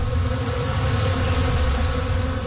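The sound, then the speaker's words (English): A dense, steady hum of many bees buzzing together in a bee bed used for therapy, fairly loud, with a low rumbling undertone that holds unbroken throughout, no electricity involved, no voices present. “There's no electricity to it. It's all the bees.”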